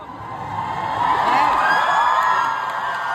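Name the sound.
concert crowd cheering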